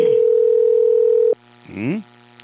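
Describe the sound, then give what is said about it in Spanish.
A telephone call to Pedro Ubaldo Polinar, candidate for Oxapampa province, gives one steady ringing tone lasting over a second, then cuts off with no answer; a brief, faint voice sound follows in the quiet. “No tenemos la respuesta. Ahí nos han mandado un número de teléfono, ¿no?”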